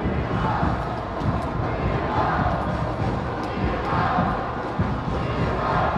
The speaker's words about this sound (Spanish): Este es el tercer grito de Chivas, Chivas. Y luego se apaga el grito.